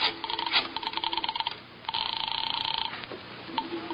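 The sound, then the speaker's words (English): Quick clicks of a telephone being dialed to call police headquarters, followed by a line ringing in two buzzy bursts with a pause between, a bit tinny, with no voices. “Just a little phone call.”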